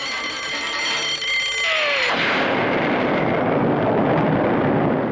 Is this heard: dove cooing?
no